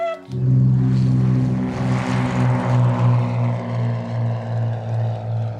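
A small propeller plane's engine drones steadily and loudly in flight, its low hum pulsing in a regular wobble throughout, with no voices present.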